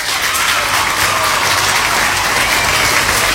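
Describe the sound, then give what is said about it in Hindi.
Steady, dense applause from a crowd on the Radio Olive 106.3 FM show for listeners who correctly answered a quiz question, loud, with many hands clapping continuously and no talking over it. “आपके लिए बजेंगे यहाँ पे तालियां।”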